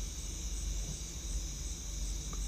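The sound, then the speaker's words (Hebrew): A steady, continuous chorus of crickets chirping, a high shimmering drone that never lets up, with a low background rumble and no voices. “ולאט לאט העבירו תשומת הלב שלכם לצלילים של הצרצרים.”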